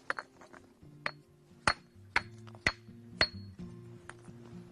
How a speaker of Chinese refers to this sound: 这样呢，我们就把这块新鲜的花岗岩砸开了，你们观察一下有什么变化吗？